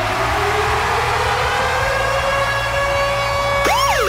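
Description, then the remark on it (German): Virgin Radio's Ticket-Alarm jingle, a loud siren-style alarm: a long, steady wailing tone that slowly climbs in pitch, then breaks into fast up-and-down sweeping wails at the end, over a low rumbling hum, with no talking. “Und zwar immer dann, wenn ihr unseren Virgin Radio Ticket-Alarm hört.”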